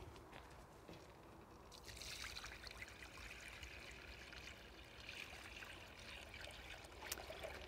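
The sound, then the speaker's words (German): Water pours steadily into a plant container holding a water plant, a continuous splashing trickle that grows fuller and brighter after the first couple of seconds, with no talking. “Dann geben wir Wasser hinzu.”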